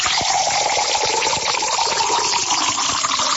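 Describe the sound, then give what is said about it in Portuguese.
Water pours steadily into a glass for birthday celebrants for a few seconds, a loud rushing splash whose pitch rises slightly as the glass fills. No one speaks. “Essa é da boa, mais um copo aí pros aniversariantes.”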